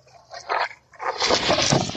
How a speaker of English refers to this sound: You can hear some of the sounds there in the middle of this downburst. The winds are the strongest, and in this case, it knocked down a light pole that unfortunately fell on two separate vehicles.